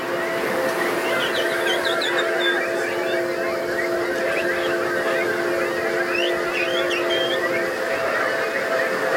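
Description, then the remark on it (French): An audience at a show, asked by the performer to sing like birds, whistles, chirps and squawks in imitation of assorted bird calls, a dense, continuous overlapping chorus over a steady background hum, with no speech. “Est-ce que je pourrais entendre encore plus d'oiseaux?”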